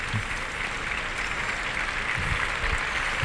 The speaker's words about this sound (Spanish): Y en este momento lo que está es saludando Ilea Vicens, que saluda al público, una ovación desde el tercio, ya se va al burladero.